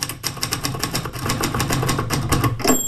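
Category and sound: household object, typewriter typing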